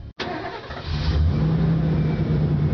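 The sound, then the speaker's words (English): A new truck's engine cranks and catches after a brief silence, then revs up into a loud, steady rumble that holds strong. “You got that new truck, but there are some things missing, like a trailer hitch, bed liner, and rails.”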